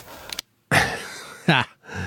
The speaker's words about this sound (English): And we've got that bloody thing creaking up there. Yeah, don't worry about it.